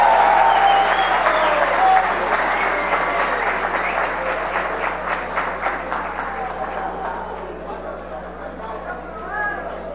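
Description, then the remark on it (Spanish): Audience applause, a dense wash of clapping that starts loud and gradually thins and fades over several seconds, with a few scattered claps near the end. “Si así aplaudieran todo.”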